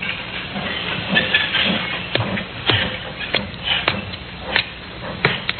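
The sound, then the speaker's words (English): Steady steam hiss fills a railroad yard at Alnmouth in the coal district around Newcastle, punctuated by sharp metallic clanks and bumps at irregular intervals, with a low rumbling of trains underneath. No one speaks. “A puzzle which began in the railroad yard at Alnmouth in the coal district around Newcastle.”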